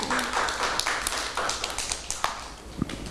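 Scattered, uneven clapping from a group of children: sharp claps pop out irregularly over about three seconds at moderate loudness, with no voices speaking.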